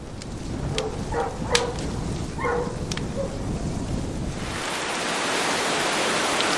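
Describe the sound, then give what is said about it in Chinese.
Heavy rain pours down as a steady, dense hiss that grows brighter and fuller toward the end, with a few dog barks heard in the first half. “几天之后，终于迎来了一场大雨。”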